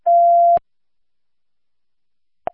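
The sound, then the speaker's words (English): A single steady electronic dispatch radio alert tone sounds for about half a second and cuts off with a sharp click, followed by silence and one more brief radio click. “59 dispatch, you can clear tones.”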